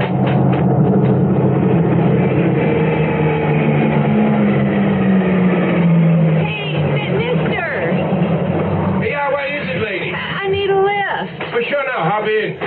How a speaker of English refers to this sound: Yeah, but not just any car. Might be the cops. Okay, it's a pickup truck.